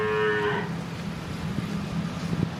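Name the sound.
cow mooing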